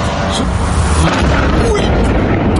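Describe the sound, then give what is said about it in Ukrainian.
Deep, rumbling explosions from a Ukrainian long-range drone strike roll continuously through a loud, dense wash of low booming noise, with thick black smoke over the Gulf of Finland, Russia, and faint voices murmuring underneath. “під гуркіт вибухів та з густим чорним димом, що затягнув небо над фінською затокою.”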